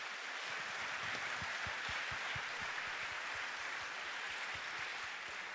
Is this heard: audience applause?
yes